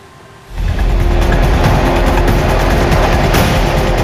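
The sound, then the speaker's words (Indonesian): A tornado spawned by Typhoon Dolphin roars through the coastal Tamsui district of New Taipei on a Saturday, filmed by residents on an amateur camera. It starts abruptly after a brief quiet moment, then continues as a loud, steady, rumbling wind noise with heavy low-end and hissing gusts, like a passing train. No one speaks. “Inilah rekaman kamera amatir warga yang menangkap momen terjadinya topan dolphin yang berkembang menjadi tornado saat menyapu distrik Tamsui di New Taipei pada Sabtu waktu setempat.”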